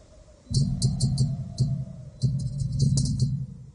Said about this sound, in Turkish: Boru burada diye ses de buradan çıkıyor sanma. Yukarıdaki bir vuruş aşağıya kadar gelebilir.